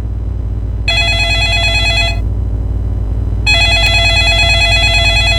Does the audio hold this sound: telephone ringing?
yes